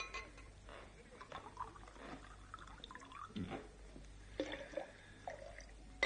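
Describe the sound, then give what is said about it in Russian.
Liquid trickles and drips as a drink is poured for a toast, followed by a few light, ringing clinks of glasses, all fairly quiet against a hissy background with faint murmuring voices. “Выпьем за его здоровье. Наливай.”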